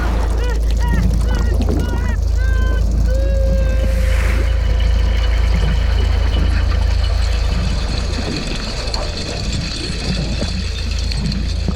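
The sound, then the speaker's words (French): A trawler's engine drones as a steady, heavy low rumble the whole way through as it approaches a swarm of krill and scoops them into its net, with a few high chirping, whistling tones over it in the first few seconds. “Oh non, j'entends un bruit de moteur qui s'approche de l'essaim de krill.”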